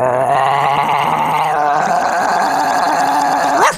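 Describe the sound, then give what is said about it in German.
A person imitates a big dog with a loud, rough, throaty bark drawn out into one continuous growling sound that rises sharply at the very end. “Das war also der Hund.”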